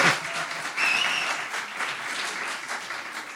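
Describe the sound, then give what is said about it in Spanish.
An audience at a poetry reading applauds steadily as a poet is introduced, a dense patter of many hands clapping at once, sustained without a break, with a faint whistle or cheer rising briefly partway through. “Ahórrense los aplausos desmedidos que le incomodan.”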